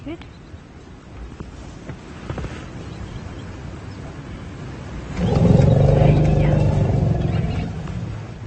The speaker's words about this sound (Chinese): 对普尔博士的呼叫，大象报以低沉的吼声，或许这是他们在打招呼。普尔认为声音信号对于大象的交流有着非常重要的意义。